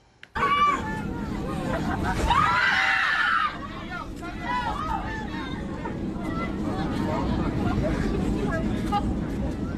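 Panicked passengers scream and shout together inside the cabin of a Volaris airplane flying from Las Vegas, Nevada, to Guadalajara, Jalisco, after an engine reportedly caught fire shortly after takeoff; a loud burst of high-pitched screaming over a steady engine rumble, followed by continuous frightened crowd babble.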